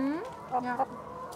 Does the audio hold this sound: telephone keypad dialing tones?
no